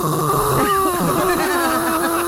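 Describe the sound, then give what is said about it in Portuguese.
A person imitates loud, heavy snoring with their voice, a rough, rattling drawn-out breath lasting a couple of seconds without any words. “Quer dizer, o gordo fôlego pra transar não tem, mas pra roncar...”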